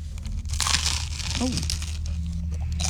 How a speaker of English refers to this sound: That sounds like you're going to break your teeth. Very crunchy.